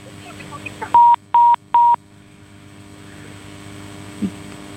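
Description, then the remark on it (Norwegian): Three short, evenly spaced electronic beeps from telephone dialing as a caller redials into a studio after a faulty connection, clear, over a steady low electrical hum with no voices. “Nu ringer du upp igen.”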